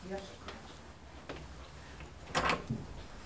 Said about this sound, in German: Darf ich diese... May I open this door?